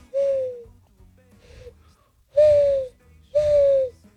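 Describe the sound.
A person mimics a mourning dove's call with four breathy hooting coos, each gliding slightly downward; the second is soft and brief, while the final two ring out loudest.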